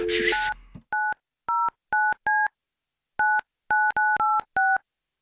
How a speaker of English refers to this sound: and I get to make the phone call. All right, this is where it gets exciting.